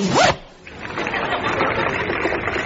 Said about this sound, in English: Yes, he's removing this rather sober pair of wool-worsted black slacks, and he's changing into a pair of check trousers. And up goes the zip.